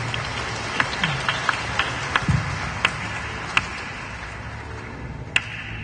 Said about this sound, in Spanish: Una ofrenda de palmas, vaya, con más Dios el puesto a que tenga.